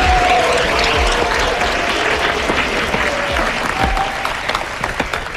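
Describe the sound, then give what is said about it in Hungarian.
Sustained audience applause for the first couple in a dance competition, a dense, steady wash of many hands clapping at full loudness for several seconds, with a faint tonal whistle or cheer threaded through it. “Nagy tapsot az első pár!”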